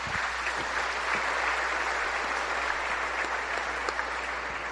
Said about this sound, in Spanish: Démosle un aplauso a Esquipulas.